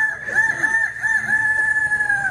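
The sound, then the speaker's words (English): A young voice, the 2026 grand champion of a youth rooster crowing contest at a fair, imitates a rooster's crow in one long, loud, drawn-out call with a wavering pitch, with no other sounds around it. “Your grand champion 2026 youth rooster crowing champ.”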